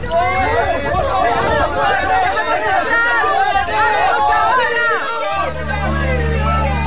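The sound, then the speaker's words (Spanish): In a dramatized flood story, a crowd of many voices shouts and calls out at once from outside Noah's ark, calling for Noah to open the door, in a loud, overlapping clamor, dense and continuous, before a low steady rumble takes over near the end. “Se escucha el pueblo gritando desde afuera del arca, llamando a Noé para que le abra la puerta del arca.”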